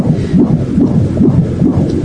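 Fetal heartbeat on a Doppler monitor placed by a sonographer on a young woman's belly: a fast, steady whooshing pulse, about two and a half beats a second, loud and muffled over a constant low rumble, with no voices.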